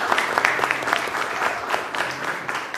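A steady burst of applause from a crowd, many hands clapping densely and evenly at a moderate volume for a few seconds, with no voices over it.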